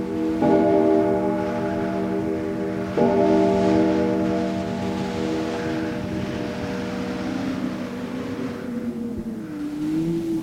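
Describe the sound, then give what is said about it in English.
A large clock bell tolls the strokes of midnight with deep, ringing strikes a few seconds apart, each hum lingering and slowly fading over a steady low rumble in the background. “We will not be alive to hear that sound ever again. The tolling of midnight.”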